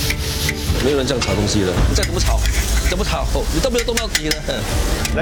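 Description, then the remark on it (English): Around 150 kg of sambal stir-frying in a pan, with a steady sizzle and rough scraping of a spatula running throughout while voices talk over the cooking. “没有人这样炒东西的，你再怎么炒，你都没有动到底的。”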